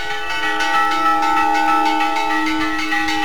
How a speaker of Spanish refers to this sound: El toque a fuego que escuchan acompañó este fin de semana la caminata reivindicativa protagonizada en Las Médulas.